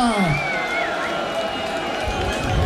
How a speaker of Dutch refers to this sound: Dames en heren, een groot applaus